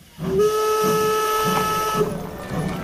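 A steam train arriving in Munich in August 1893 sounds its whistle in one long, loud, steady blast over a hissing, rhythmic chuffing, the rumble carrying on after the whistle stops. No voices.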